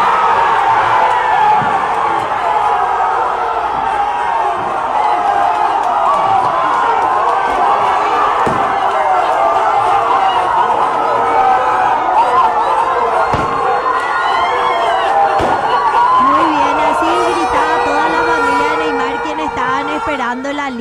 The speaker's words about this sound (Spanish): ¿Podemos escucharle cómo gritó Neymar cuando escuchó su nombre? Neymar.